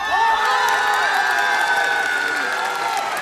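A large crowd cheers and shouts continuously, with high whooping voices rising over a steady wash of applause, loud and sustained throughout without any break or single clear speaker.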